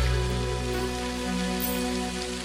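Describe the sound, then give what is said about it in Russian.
Steady, dense splashing of fountain water jets, like rain pattering on a surface, runs evenly throughout with a low sustained musical drone underneath and no talking. It is the fountain show "Legend of the White Lotus" on Arata Square, with music, light effects and video projection. “Музыка, и капли фонтана, и знаете, сейчас, вот сейчас на площади Арата яблоку нет где упасть.”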